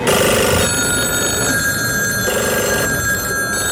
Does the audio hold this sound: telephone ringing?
yes